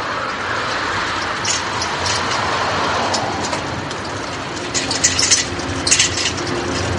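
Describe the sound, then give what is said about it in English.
Continuous roar of city street traffic in Karlsruhe, heard from a moving bicycle weaving through the traffic, with a low engine hum creeping in partway through and a few sharp rattling clicks near the end. No one speaks. “I'm weaving my bike through Karlsruhe traffic”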